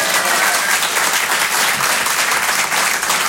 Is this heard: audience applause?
yes